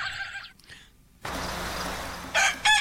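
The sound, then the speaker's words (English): A little red rooster crows outdoors in the morning: a shrill, strained call at the start, then steady outdoor hiss, then another bright, harsh burst of crowing near the end. “Mrs. Kettle's little red rooster.”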